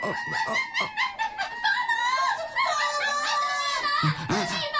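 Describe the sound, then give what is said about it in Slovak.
A dense chorus of shrill, warbling monkey calls, several voices overlapping in rapid squeals and chatters that rise and fall without pause, loud throughout. “A to je, prosím, zase čo? Opice.”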